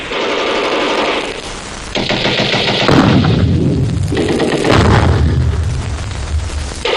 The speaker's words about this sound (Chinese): 通知炮兵向西北角小山头开炮，快！